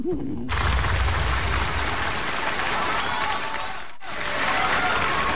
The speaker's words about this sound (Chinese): 从大家的掌声啊，我听出来了 什么呀？ 大家还是比较喜欢我们俩的。